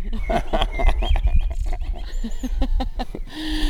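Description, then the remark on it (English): A real blackbird sings a run of varied, fluting whistled phrases, clear, over a steady low background rumble, with a brief harsher call near the end. “These are not robot blackbirds, are they? No, these are real regular blackbirds.”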